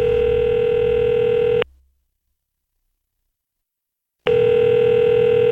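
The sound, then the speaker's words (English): A telephone ringing tone on a call placed from a phone taken into a bathroom: two loud, steady electronic buzzing bursts separated by a long pause of silence, heard as if through the receiver, with no one talking. “I grabbed the phone and took it into the bathroom where I called my girlfriend's dad, a Christian, but a man who didn't even like me.”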